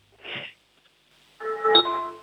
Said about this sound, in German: Wow, das ist aber eine tolle Türklingel gewesen.